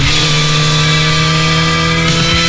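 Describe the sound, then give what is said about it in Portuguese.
A motorcycle engine revs loud in an advert for the 5th Encontro Motard de Apúlia motorcycle rally, holding a steady high-pitched drone before a brief dip in pitch near the end. No one speaks. “Liga o motor, chama a tua família Motard e faz parte desta história.”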